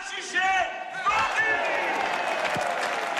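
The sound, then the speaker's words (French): A large crowd at a wine auction shouts together in one loud burst of many raised voices as a bid of 400,000 for a 500-litre barrel is called the third time, then keeps cheering and clapping in a dense, continuous roar for a few seconds. “400 000, deux fois, monsieur le maire, 400 000, trois fois, on va tous crier ensemble.”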